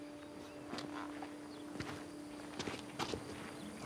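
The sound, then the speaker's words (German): Footsteps of people walking at an unhurried pace, several soft steps landing irregularly over a steady low background hum, with no talking. “Komm, wir gehen ein paar Schritte.”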